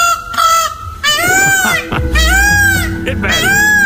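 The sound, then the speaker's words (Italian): A peacock's mating call in the mating season rings out loud, three or four piercing, wailing honks in quick succession, each rising and falling, with a low rumble of background noise underneath. “No, è pavone, è la stagione dell'amore.”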